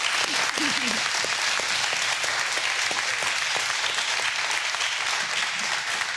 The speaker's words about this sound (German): Applaus für die beiden.